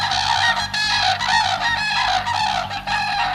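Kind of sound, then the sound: bird, common crane calls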